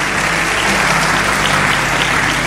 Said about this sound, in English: Now, when you're clapping, don't clap like you borrowed the hands.